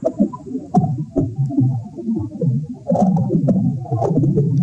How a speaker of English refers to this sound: What I can't hear with my naked ear, though, is the sound of the soil. But if I stuck my microphone into the dirt, it might sound something like this.